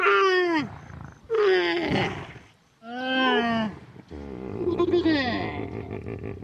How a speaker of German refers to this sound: Aber da ist ein Wasserloch. Da holen sich auch einige Tiere. Zum Beispiel die Kamele da hinten. Hört mal.